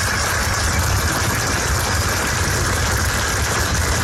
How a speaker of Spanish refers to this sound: Este fue el sonido que inundó el exterior del Museo do Pobo Galego, una ovación ininterrumpida durante 20 minutos de las cientos de personas que no pudieron entrar al auditorio.